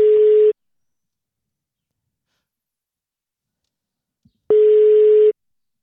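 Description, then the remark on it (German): A telephone ringback tone on an outgoing call placed live on the radio: a steady, clear electronic beep, cut off at the start and then sounding once more after about four seconds of silence. No one speaks. “Und das Telefon klingelt, hoffentlich geht dran.”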